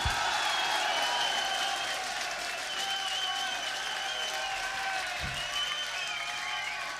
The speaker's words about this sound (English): So, for this man, I'd like an extra special round of applause on the drums and backing vocals,